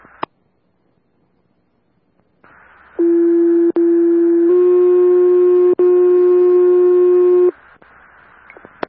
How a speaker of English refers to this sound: Can we get standby for additional fire tones?